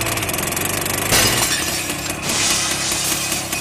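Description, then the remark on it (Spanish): A driverless tractor's heavy engine rumbles steadily, then about a second in it smashes through a shoe store's glass window with a sudden loud crash of shattering glass, followed by crunching debris as the motor keeps running. “Vea cómo la máquina se aferra a irrumpir en la tienda y rompe el vidrio como si fuera una galleta de sal.”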